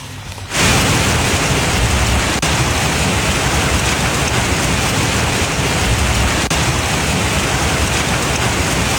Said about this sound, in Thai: ท่านผู้ชมครับลูกเห็บของจริงแบบไม่ต้องสืบเลยครับลองวัดเส้นผ่านศูนย์กลางประมาณ1เซนครับตกลงมาแบบนี้บนถนนบนหลังคาบ้านภาพนี้คลิปนี้เป็นเหตุการณ์ที่เกิดขึ้นย่านโชคชัย4แล้วก็เขตลาดพร้าวนะครับ